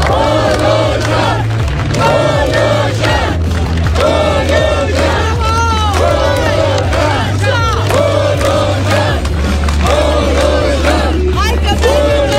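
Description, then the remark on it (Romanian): A crowd of nearly 4,000 people chants in loud, rhythmic unison outdoors in the evening at a rally supporting Prime Minister Ilie Bolojan in Piața Unirii, Oradea, voices rising and falling in repeated phrases, with a steady low drone underneath throughout. “Aproape 4.000 de bihoreni, potrivit organizatorilor, s-au adunat aseară în Piața Unirii din Oradea la un meeting de susținere pentru premierul Ilie Bolojan.”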